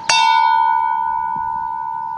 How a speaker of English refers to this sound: ringing the bell for each state.